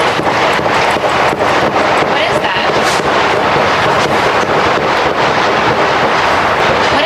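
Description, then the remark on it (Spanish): Repeated sharp cracks of gunshots outside the White House, heard by an NBC television reporter preparing her report for the evening news, burst at irregular intervals through loud, constant wind-like roar, with a voice faintly mixed into the rough outdoor noise. “Este es el momento en el que una reportera de la cadena de televisión NBC, que preparaba su crónica para el informativo de la tarde, ha escuchado los disparos.”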